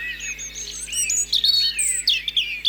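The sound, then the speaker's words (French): A European robin sings a thin, high, warbling stream of varied phrases and trills, clear, with a faint low hum underneath and no talking. “Rouge-gorge familier.”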